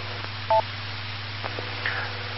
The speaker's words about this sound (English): And how's my signal? I've got some weird interference on this repeater tonight.